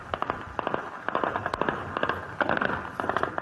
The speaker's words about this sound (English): Residents woke up to the sound of gunshots ringing through the city. Sustained shooting broke out near Niamey's main international airport, which houses a major military base, and around the presidential palace.